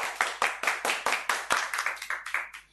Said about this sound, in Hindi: फिर से जोरदार ताली बजाएंगे सारे बच्चे।